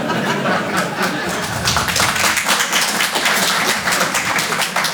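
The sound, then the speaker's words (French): An audience in Paris, asked to vote by applause on immigration in France, applauds steadily for about five seconds, a dense crackle of many hands clapping at an even loudness, with a few scattered laughs mixed in. “C'est marrant, j'ai joué à Nice la semaine dernière, ils applaudissent pas au même endroit que vous.”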